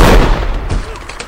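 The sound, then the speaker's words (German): A loud gunshot, fired to ricochet off a rock at the right angle, cracks out and rumbles away. A softer second report and a brief ricochet-like zing follow and fade out. No one speaks. “Ja, aber wenn ich den Felsen im richtigen Winkel treffe, dann...”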